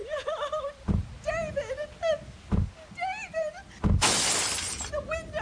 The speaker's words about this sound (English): She broke the window. Get away from there. No. Stay out of the car.